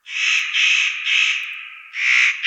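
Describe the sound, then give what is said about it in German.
A spotted nutcracker, a bird related to jays, gives four harsh, rasping crow-like calls in quick succession during the breeding season, loud, with a brief pause before the last one and no voices. “Seine Stimme ist, wie bei den Hähern ja, im ersten Anblick auch eher so krähenmäßig zur Brutzeit.”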